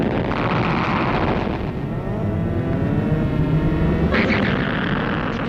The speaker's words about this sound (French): La fin du film montre le vaisseau qui repart avec à son bord Adams, Altaïra et Robbie qui assistent hors de portée à l'explosion de la planète Altaïr 4.